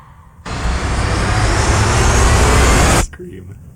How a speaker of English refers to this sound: Birds. the plane, things are going haywire. They're floating. The jet engines are going.